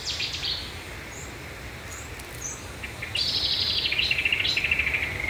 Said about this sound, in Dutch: Vlakbij Natuurcentrum Arnhem. En daar hoort zij een geweldig concert van Setti-zanger, bosrietzanger en ook kikkers op de achtergrond.